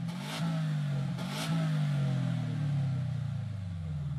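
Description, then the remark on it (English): A car engine revs loudly at a Japanese car show in Bunbury, its deep droning pitch rising and falling over a few seconds, with two brief bursts of hiss near the start. “ABC's George Aloni went to a Japanese car show that was held over the weekend in Bunbury yesterday to have a chat to some local petrolheads to see how they're coping.”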